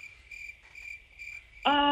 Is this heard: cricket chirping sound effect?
yes